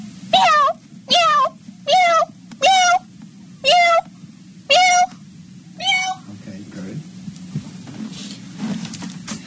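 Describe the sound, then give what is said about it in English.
A voice imitates a cat, recording a set of different types of meows: seven loud meows in quick succession over about six seconds, each a rising-then-falling mewl, then trailing off into a low steady hum. “it can be like 10 seconds of just like different types of meowing”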